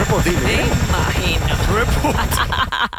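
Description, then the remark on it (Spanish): A helicopter lent to Hillsborough County in Tampa Bay: its rotor thumps steadily and loudly throughout, a dense low chopping drone with muffled voices talking over it before it cuts off abruptly at the end. “Por eso le presté mi helicóptero al condado de Hillsborough.”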